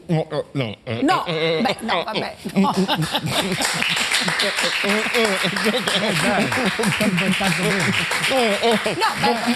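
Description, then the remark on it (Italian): Steady audience applause rises after the first couple of seconds and keeps going as a dense wash of clapping, while a voice keeps talking loudly over it throughout. “Perché se non fate l'applauso qua facciamo però guarda”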